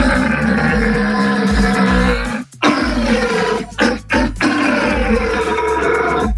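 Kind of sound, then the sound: animal, red deer stag belling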